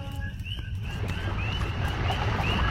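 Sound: flowing river water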